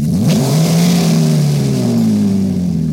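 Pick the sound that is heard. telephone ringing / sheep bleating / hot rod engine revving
hot rod engine revving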